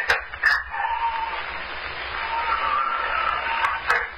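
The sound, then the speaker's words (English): A door blown open and shut by the wind swings on worn hinges with a long, wavering high-pitched creak, framed by a couple of sharp knocks at the start and a thump as it shuts at the end. “The door. The wind blew it open and shut again.”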